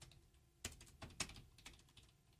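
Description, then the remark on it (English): Rapid, furious typing on a computer keyboard while searching for a statistic, a dense flurry of sharp plastic key clicks with a few harder strokes standing out, fairly quiet, with no voices. “Furiously typing.”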